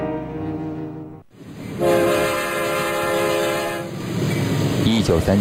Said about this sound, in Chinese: 凌晨4点，伴随着一声长鸣，一辆火车准时通过大桥。